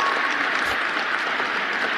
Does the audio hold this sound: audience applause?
yes